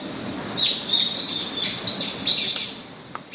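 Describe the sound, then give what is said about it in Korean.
Birds sing outdoors in a run of bright, high chirps and short warbling phrases, repeating every half second or so over a soft ambient hum, with no one talking. “새소리가 이렇게 예뻐요.”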